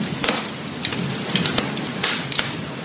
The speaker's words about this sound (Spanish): En nuestro recorrido por la zona de Sanabria no podemos dejar de escuchar el sonido del fuego. Junto a su crepitar se contaban historias y se cocinaba.